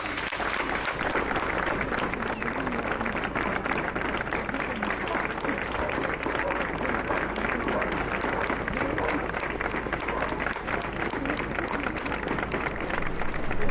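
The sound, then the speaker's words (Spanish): Sustained audience applause as a tribute to a person who has died, at the opening proclamation of the Rioja Alavesa grape harvest festival: a dense, steady wash of many hands clapping at even loudness for the whole stretch, with no pauses and no voices standing out. “Propongo enviarle un aplauso allá donde esté.”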